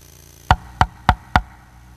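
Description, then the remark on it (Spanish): Four sharp knocks on a door in quick, even succession, fairly loud, with brief silence before and after. “¡Abre la puerta!”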